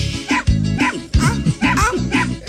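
A small pinscher dog barks in a quick, uneven series of about five sharp, high-pitched yaps, loud, with brief gaps between them and no talking.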